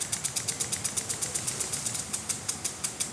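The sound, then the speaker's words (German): A barge engine on the Rhine in Düsseldorf runs steadily, its rapid, even chugging pulsing about seven times a second, with no voices over it. “Was genau hören wir eigentlich vom Rhein? Nicht viel. Unten Kahn.”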